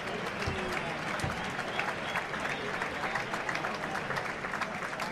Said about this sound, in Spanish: Ahí está con un discreto aplauso del público portuense, que no ha tenido suerte el maestro José María Manzanares en esta plaza que tanto le quiere y que tantos años ha formado el taco.